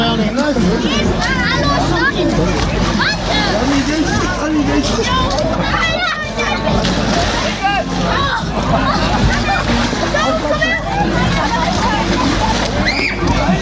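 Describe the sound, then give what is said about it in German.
A loud, crowded outdoor scene where young men at a Pentecost custom jump into the water and pull one another in, splashing and thrashing, sloshing continuously beneath a steady hubbub of many voices talking and shouting from the watching audience. “springt jetzt rein und zieht jetzt einen anderen Pfingstburschen rein ins Wasser.”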